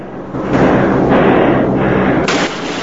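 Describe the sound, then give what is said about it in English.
Sustained burst of aircraft machine gun fire during an air battle with German planes, a dense rapid rattle of shots running steadily for a few seconds, loud and continuous over a low engine-like rumble, with no voices. “Eugene shoots. I said hold your fire!”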